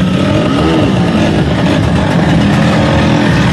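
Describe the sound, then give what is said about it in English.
Several Vespa scooter engines rev and buzz together in Rome, Italy, at a celebration of the scooter's 80th anniversary, loud and continuous, with rising and falling pitch over a steady motor drone and no voices. “Thousands of Vespa enthusiasts celebrate in Rome on the 80th anniversary of the iconic Italian scooter.”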